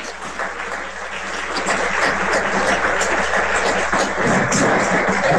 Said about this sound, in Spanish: Vamos a decir un aplauso, por favor.